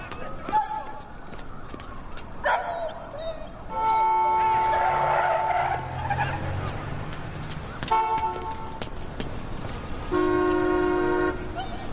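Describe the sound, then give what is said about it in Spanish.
A car horn honks in a couple of loud, sustained blasts amid street noise, with a brief screech of tires as a blue Toyota Camry skids after hitting a dog, and voices speaking. “Un Toyota Camry azul, es todo lo que he visto.”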